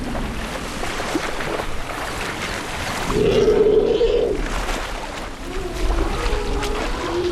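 Elephants wade and splash heavily through swamp water in the Okavango Delta, forcing their way through the vegetation and plucking grass tufts with their trunks. A continuous churning and sloshing, with a brief low groaning tone rising midway through before the splashing carries on.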